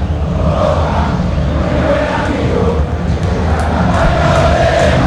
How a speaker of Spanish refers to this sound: El grito del hincha de Boca que se hace sentir en la noche de La Bombonera, en la Sudamericana, también presente el hincha de Boca.